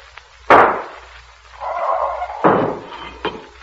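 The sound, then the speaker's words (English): A sharp, loud burst like a glass globe shattering as a paralyzing gas globe is hurled through an opened door, followed by a sustained hiss of escaping gas, then two more heavy bangs. No one speaks. “Now throw the globe.”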